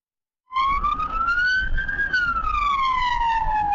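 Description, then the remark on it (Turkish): A loud ambulance siren wails, its pitch rising slowly then falling in a long sweep, over a low rumble of traffic noise, as the ambulance moves in the left lane in Büyükçekmece, Istanbul. “İstanbul Büyükçekmece'de bir ambulans sirenleri açık halde sol şeritte ilerliyordu.”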